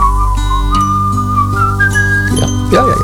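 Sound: whistling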